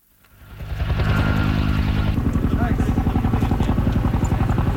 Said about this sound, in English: In Greece, helicopters drop water on blazes that broke out overnight and have grown rapidly.